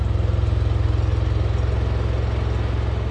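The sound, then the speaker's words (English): The engine of a small, boxy white Fiat car with a ladder strapped to the roof, running on ethanol in Brazil, idles steadily: a low, even rhythmic putter that holds constant throughout with no voices. “A small, boxy white Fiat with a ladder strapped to the roof.”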